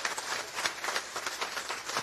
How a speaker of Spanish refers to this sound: Queridos hermanos, de verdad que esta obra que costó bastante, pero estamos muy contentos por ellos, se merece un fuerte aplauso a todos los que han colaborado con esta obra magnífica.